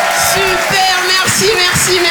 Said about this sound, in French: Waouh, tous les applaudissements, c'est magnifique, vous êtes super beaux.